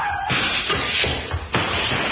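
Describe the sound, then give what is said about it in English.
A loud scuffle of crashing impacts: several heavy thuds and a sharp slam as a man is struck with a chair and knocked down, over a dense, noisy background. “You knocked him down with a chair.”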